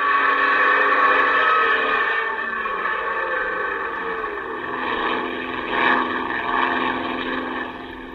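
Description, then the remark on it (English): A propeller airplane engine roars continuously at full throttle as the plane dives toward water and twists wildly, loud, its droning pitch wavering and surging briefly near the end with no voices over it. “The plane twists wildly. You pull open the throttle.”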